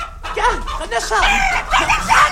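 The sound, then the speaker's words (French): Hens cluck and chatter in a busy, overlapping flurry of short, rising-and-falling calls, fairly loud and continuous for a couple of seconds as they are fed. “Mets là, mes cocottes.”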